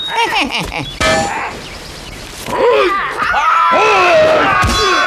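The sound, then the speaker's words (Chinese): A blade chops at the Monkey King's head several times, each hit a sharp, ringing metallic clang, loud against voices that groan and exclaim around the blows. “老孙就站在这儿，让你砍上三刀。”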